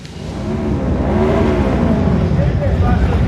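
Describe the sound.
Several motorcycle engines rev loudly and continuously, pitch rising and falling in overlapping waves, with faint voices mixed into the steady roar, at a bikers' protest on Prince Alexander I Battenberg Square in central Sofia, Bulgaria, with motorcycles from over 80 motorcycle clubs.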